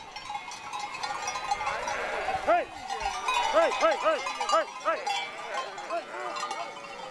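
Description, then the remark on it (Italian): A flock of sheep driven by shepherds across the mountains bleats repeatedly, several overlapping calls, while bells clank and jingle steadily throughout against a busy outdoor background. “Nessuna pecora è andata persa.”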